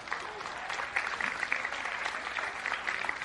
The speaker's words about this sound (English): Can we clap our hands for them?